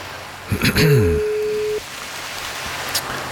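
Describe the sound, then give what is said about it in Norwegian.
A single steady telephone ringing tone on an outgoing call placed live during a broadcast, lasting about a second, briefly overlapping a voice at its start, over a faint hiss of line noise. “Ja, det ringer.”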